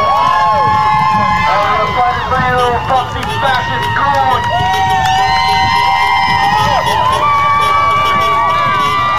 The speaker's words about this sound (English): And they're, the inmates, the detainees, are flashing the lights on and off. And that's what the people in the street were cheering about.